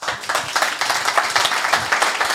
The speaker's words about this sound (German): und vielleicht hörst du auch diesen Applaus hier nochmal.